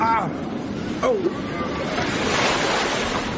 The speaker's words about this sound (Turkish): Deniz giderek sertleşiyor.